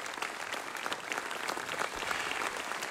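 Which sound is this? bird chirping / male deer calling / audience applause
audience applause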